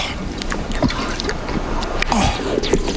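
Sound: water poured or drunk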